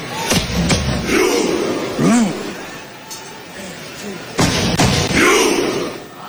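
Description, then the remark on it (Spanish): Norwegian fans in the stands of a stadium perform a Viking thunderclap, miming rowing: a few loud, sharp, widely spaced group claps with booming thuds like drum beats, over a steady crowd murmur and a talking voice. “Ahí tienen a los noruegos haciendo esto.”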